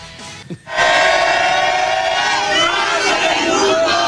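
After a brief quiet moment, a huge stadium crowd erupts into a loud, sustained collective shout aimed at the goalkeeper, many voices blending into a steady roar with a wavering, chant-like tone that holds for several seconds.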